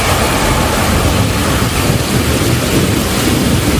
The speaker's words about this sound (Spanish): Es un calor intenso que, unido a la inestabilidad en altura, pues forma las tormentas de verano.